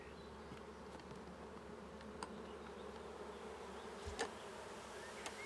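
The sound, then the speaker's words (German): A dense, steady drone of a honeybee colony of almost 20,000 bees at a new basket hive, continuous throughout with a few faint clicks and brief knocks scattered over the hum; no one speaks. “Wird das Bienenvolk mit fast 20.000 Bienen sein neues Zuhause akzeptieren?”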